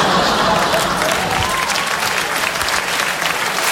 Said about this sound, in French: Ah, ça va, les applaudissements, c'est une forme de dopage, mais avec de l'air.